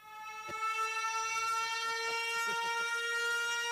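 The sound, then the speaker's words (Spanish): A loud siren sounds continuously at a steady, unwavering pitch with a bright, brassy tone, while faint low clattering rumbles underneath. “No sé si era para sirena.”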